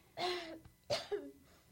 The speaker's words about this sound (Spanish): Ahora necesitamos ayuda con mamá. Por favor, acaba su tos para que ella pueda comer.